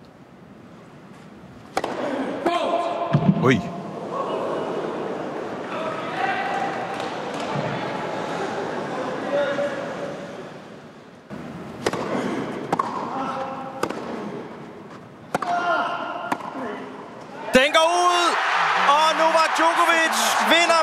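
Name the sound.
tennis match point rally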